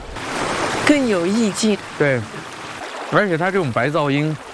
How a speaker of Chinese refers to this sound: 我觉得这个到晚一点， 安静下来，就河水的声音， 反而就凸显出来了。